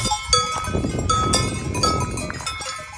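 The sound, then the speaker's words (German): Cow bells clink and ring irregularly at a distance out in nature during the daytime, several bells overlapping in a loose, continuous jangle over a soft outdoor background. “Und dann haben wir so Glocken der Kühe so ganz im Hintergrund irgendwo auch gehört.”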